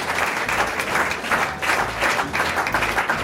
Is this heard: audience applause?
yes